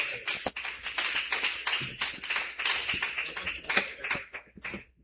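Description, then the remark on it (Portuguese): A church audience claps loudly for Jesus to welcome a woman who will sing praise: a dense, steady crackle of many hands beating at once that holds for about five seconds before thinning out at the end, with no voices audible. “Recebe a serva de Deus com bastante palmas, bem forte para Jesus.”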